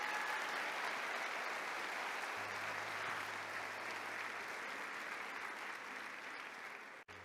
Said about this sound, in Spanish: Bueno, aplaudamos al Señor.